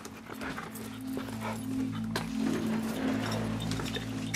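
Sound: dog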